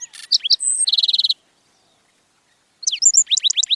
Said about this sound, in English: Singing from atop a cactus, a handsome bird greets the new day. It's a black-throated sparrow, an iconic desert denizen of the southwestern U.S.